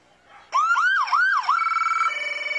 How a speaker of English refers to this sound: Yep, giving us a little wee-woo. When I heard that sound earlier, I thought an alarm on my phone was going off. That kind of sounds like what wakes me up in the morning.